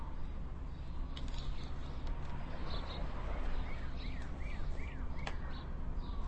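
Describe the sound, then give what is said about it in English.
A steady, rushing wash of ocean surf on Maui fills the background while several short bird chirps and calls ring out intermittently above it, fairly light. “On the Maui side of things, with ocean sounds and birds.”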